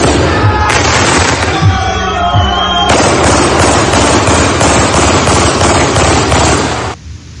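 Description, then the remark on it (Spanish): Loud, rapid bursts of automatic weapon gunfire, fired at night by neighbours and friends at a farewell for a victim in the Parinacota neighbourhood, rattle on for several seconds, easing briefly before a long, dense volley that cuts off abruptly near the end. “Eso que escuchan al final es una ráfaga de disparos con un arma automática, lo que generó el temor de los mismos vecinos durante esta madrugada en la población Parinacota.”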